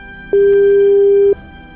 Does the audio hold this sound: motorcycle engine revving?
no